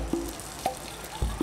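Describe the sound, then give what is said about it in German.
Soft, steady hiss of water spraying from a hose or nozzle while watering plants, fairly quiet and continuous, with a few brief squeaky chirps and small knocks breaking through. “Oh, guck mal, da schimpfst du jetzt gerade schon mit mir, weil es spritzt.”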